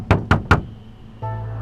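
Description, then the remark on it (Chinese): Three firm, evenly spaced, loud knocks on a door, followed by a brief pause and then a steady low droning hum that continues to the end. “开门！快开门！”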